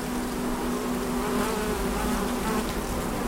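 A steady, continuous buzzing of many bees and bumblebees of different kinds foraging on pink bushes with large flowers, a dense humming drone with no pauses and no voices.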